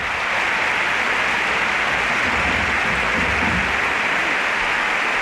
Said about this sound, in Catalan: L'afició de l'Espanyol que ha agraït el gest del Sánchez Pizjuán aplaudint al minut 21. I l'estadi que torna aquests aplaudiments cap a la zona dels 100-150 aficionats, jo diria que un centenar d'aficionats de l'Espanyol que hi ha a l'estadi